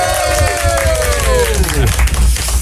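Steady applause from a studio audience welcoming a duo fills the whole stretch, a dense wash of clapping with crowd noise, while a bright tonal sound slides downward in pitch over it before fading near the end.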